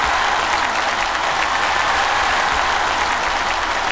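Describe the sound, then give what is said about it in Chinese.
A sustained burst of audience applause on the show 环球竞技秀, dense and steady clapping from a large crowd filling the whole stretch at a fairly loud, even level with no talking. “通过掌声能感觉到，是不是觉得我还是很帅的？”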